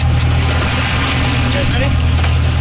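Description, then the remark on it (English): A boat's engine drones steadily as a group of shark researchers are out on the ocean off the coast of Miami, with a constant wash of wind and water noise over it and faint, indistinct voices. “You're listening to a group of shark researchers on a boat off the coast of Miami.”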